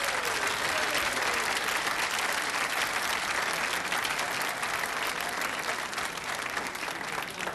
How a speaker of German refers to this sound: Ich darf zunächst einmal bitten, mein Gott, um den Applaus für Rot bitten. Jetzt der Applaus für Rot.